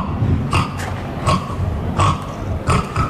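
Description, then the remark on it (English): A person imitates a pig at an annual pig squealing competition, giving the winning squeal: four or five short, strained squealing grunts at a steady rhythm, each a rough, nasal burst over a low rumbling background. “Unfortunately, there is no Kent representation here, but the winning pig squeal is...”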